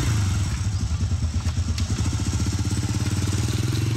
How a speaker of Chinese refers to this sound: 她一一打电话联络，约定好以后，骑着摩托车再出发。